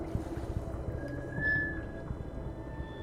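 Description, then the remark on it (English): Water laps steadily against a boat hull, heard with an ear against the hull's surface, a continuous low sloshing with irregular small slaps that resonates through the boat, and a brief thin tonal creak rising in the middle. “I hear constant lapping. The sound wumbles through the drum boat.”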